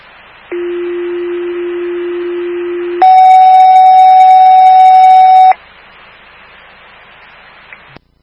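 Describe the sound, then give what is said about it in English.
Two long, steady fire station dispatch alert tones for Station 25, sent for a medical call, over radio hiss: a low tone holds for about two and a half seconds, then a higher, louder tone follows for the same length before cutting off. “Fire alarm station 25, respond to 269 Stony Hill Road, G1-104.”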